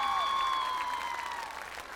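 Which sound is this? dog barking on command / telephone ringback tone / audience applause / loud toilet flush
audience applause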